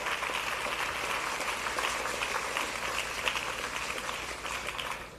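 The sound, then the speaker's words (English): A crowd on FM 95.1 claps steadily in applause for a young boy giving his testimony, a dense, even patter of many hands with no pauses, holding at a fairly constant level for several seconds before easing slightly at the end. “Clap for the young boy.”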